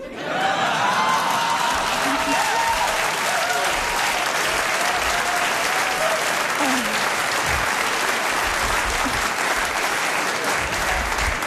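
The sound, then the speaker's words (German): An audience at a queer comedy show breaks into sustained, dense applause that holds steady and loud for over ten seconds, with a few faint voices and whoops rising briefly through the clapping. “Ich liebe Queer-Shows, normalerweise klatschen da nie so viele Männer.”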